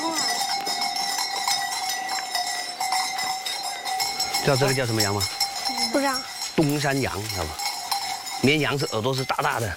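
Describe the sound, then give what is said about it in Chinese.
Goats, named as Dongshan goats, bleat repeatedly in wavering, tremulous calls, fairly loud, at a home halfway up a mountain that raises poultry and goats, starting a few seconds in, while livestock bells clank and ring steadily throughout. “家住在半山腰，以养殖家禽和种玉米为主，其中养的最多的，当属喜欢攀高山的山羊。”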